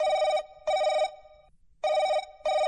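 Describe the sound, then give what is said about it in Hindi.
A telephone rings in two double bursts, each pair of harmonic trills separated by a short pause, clear with no one speaking; an incoming listener call opening the phone-in song request programme 'Aapke Phone Aapke Geet'. “आइए कार्यक्रम की शुरुआत करते हैं इस फोन कॉल से।”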